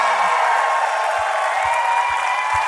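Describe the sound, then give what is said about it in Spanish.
A church audience applauds the Lord loudly and steadily, a dense wash of clapping filling the space without pause, with a few low thumps underneath. “ese fuerte aplauso al Señor.”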